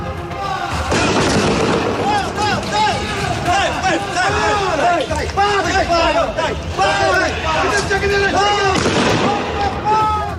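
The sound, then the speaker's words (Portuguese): Loud shotgun blasts ring out in a street in the Ameixoeira area of Lisbon, Portugal, recorded on a mobile phone video, a sharp boom near the start and another near the end, while a crowd shouts and clamors continuously throughout. “Os disparos são audíveis.”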